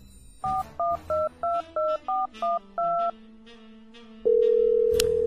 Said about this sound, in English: The phone rings and rings. Don't hear back from her. Goes to voicemail.